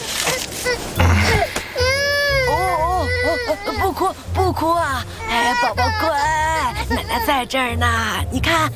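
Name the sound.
baby crying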